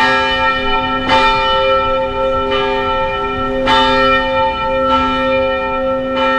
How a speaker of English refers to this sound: Assistant Pastor Marcus Fry rang the church bell to call the church and community members and media to the unveiling of a new National Register of Historic Places plaque outside the church's main entrance.